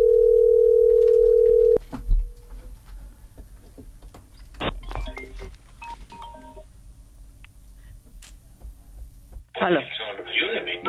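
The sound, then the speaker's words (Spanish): A steady telephone tone holds for about two seconds as a call is transferred to a mobile phone, then cuts off into quieter line noise with faint clicks, followed by a burst of muffled, noisy static near the end. “Llamada transferida a móvil.”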